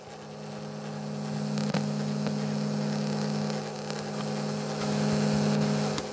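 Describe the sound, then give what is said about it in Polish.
A cassette recorder's tape mechanism runs steadily, recorded by a Zoom recorder placed in the cassette compartment, as a constant motor hum with a low drone and soft whirring noise, and a single small click partway through. No voices. “Teraz nagrałem szum mechanizmu.”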